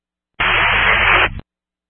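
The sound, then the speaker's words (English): A single short burst of harsh radio static, loud and hissing across a broad band, cutting in abruptly and dropping out after about a second with a brief crackle at the end. “All static.”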